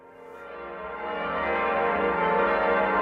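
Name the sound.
church bells ringing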